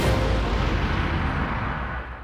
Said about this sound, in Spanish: ¡Bum! Así suena el reventón del día de Ahorramás.